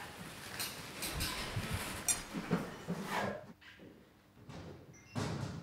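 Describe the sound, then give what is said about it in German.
A sliding gate door on a lion enclosure rattles and clanks as a lion walks to the door, several scraping metallic knocks, followed by quieter shuffling and one more clatter near the end; no one speaks. “Karins Schiebertrick scheint zu klappen. Der Löwe läuft zur Tür und in geeignete Stellung.”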